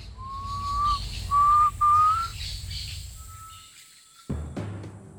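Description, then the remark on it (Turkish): A wild fowl, a bird that lives near water, sings in a forest: three clear, rising whistled notes, slightly tonal and loud, followed by a fainter sustained whistle, over a low rumbling background with a sudden noisy burst near the end. “Vahşi tavuklar suya yakın yaşar. Bu şarkıyı duyduğum zaman orman bana suyu bulduğumu söyler.”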